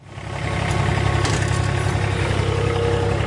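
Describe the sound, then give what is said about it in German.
A ride-on lawn mower engine runs steadily, a low rumbling drone with constant pitch that swells in over the first half second, then holds loud and even, no talking, cutting grass to 24 mm on the sunny, mountain-ringed ATV Irdning football pitch in Styria minutes before training. “Auf dem Rasenmäher sitzt Gerald Wurzbach und bringt wenige Minuten vor Trainingsbeginn nochmal alle Halme auf die genau gewünschte Länge.”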